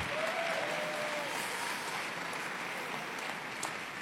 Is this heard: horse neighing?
no